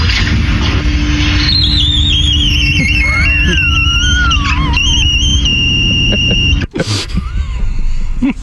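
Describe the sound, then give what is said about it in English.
A glass door squeaks as it drags along the floor, a loud, wavering high-pitched squeal lasting several seconds, then it shuts with one sharp, heavy thud over a steady low rumble. “Now, this is a glass door, and when it shuts, so it makes a different sound.”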